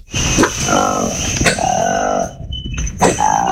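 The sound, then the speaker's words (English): A newly discovered species of monkey with orange lips and a long black tail gives a series of three or four throaty, frog-like croaking calls, each rising and falling in pitch, over a steady high-pitched hum in the background. “What animal has orange lips, a long black tail, and croaks like a frog? How about a newly discovered species of monkey?”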